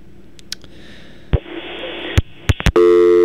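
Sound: telephone busy tone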